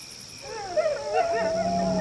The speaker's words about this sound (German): Oh, Wölfe! Oh nein, was sollen wir tun? Die kommen immer näher.